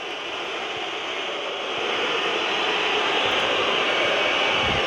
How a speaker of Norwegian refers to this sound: Og da skjønner jeg at publikum piper. Burde vel fått lov til å avslutte dette angrepet. For det er jo alltid litt grann tid som går til spillet når det er omgang. Og hør her responsen fra publikum.